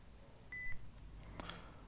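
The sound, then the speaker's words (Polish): A single short, high electronic beep from an Olympus voice recorder sounds at a steady pitch, signalling standby mode, followed a moment later by a couple of faint mechanical clicks against quiet background hiss. “To piknięcie sygnalizuje właśnie, że jesteśmy w trybie gotowości.”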